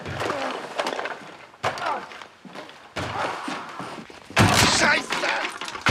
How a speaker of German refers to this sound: Er ist in seinem Hobbykeller und hämmert auf irgendwas ein. Aber das Geräusch kommt nicht aus dem Keller, sondern von draußen.